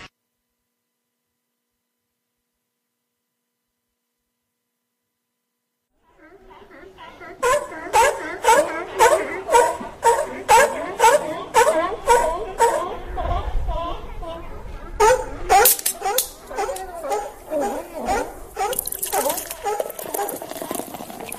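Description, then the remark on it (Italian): Seals barking in a rapid, rhythmic series of hoarse, honking calls that start after several seconds of silence, loud, continuing steadily to the end. “Anche le foche bevono Radio Wombat.”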